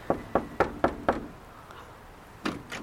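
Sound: knocking on a door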